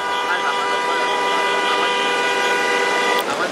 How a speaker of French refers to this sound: On joue du klaxon.